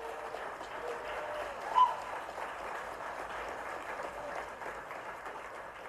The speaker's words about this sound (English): Enthusiastic clapping there for the sale of Gus, the T-Rex fossil.